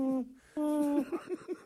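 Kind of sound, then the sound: bird, little owl hooting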